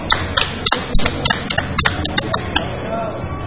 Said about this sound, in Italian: Il nostro applauso per voi!